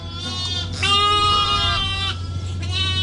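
Sheep bleating close by, a ewe and lambs calling in overlapping, wavering cries that run almost continuously, with a steady low hum underneath and no talking.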